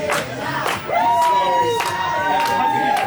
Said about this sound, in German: Was aber eine große Herausforderung ist, in dieser Halle, in der wir uns befinden, sind wir ja nicht die Einzigen. So klingt es beim Eurovision Song Contest Backstage. Oder so.